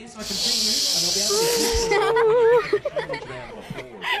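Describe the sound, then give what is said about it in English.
Several girls make a long, breathy hissing whoosh with their voices to mimic a sea breeze for a seascape sound, with wavering hums underneath, then the effort dissolves into giggles and laughter. “All right, I'll count you in and do your best sound of a sea breeze.”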